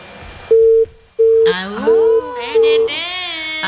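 Telephone busy tone after a dropped call during a radio phone-in: four short, steady, evenly spaced beeps, fairly loud, with a wavering voice sounding beneath the later beeps.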